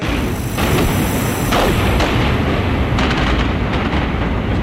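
A burning spaceship explodes and breaks apart in a loud, sustained roar of blasts, with deep rumbling and bursts of crackling debris flaring up every second or so, and no voices.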